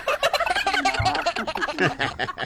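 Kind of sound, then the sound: bird, turkeys gobbling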